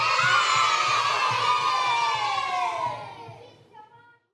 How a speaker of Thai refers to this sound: ทุกคนเย่พร้อมกัน1 2 3